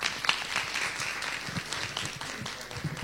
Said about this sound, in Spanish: Le recibimos con un fuerte aplauso.